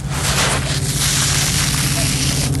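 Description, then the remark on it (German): Sand trickles off a shovel outdoors in a steady, grainy hiss that stays loud and unbroken for the whole stretch, with a low hum underneath and no voices. “Ich habe das Gefühl, du gehst mit einer Schaufel oder irgendetwas rein und dann rieselt es.”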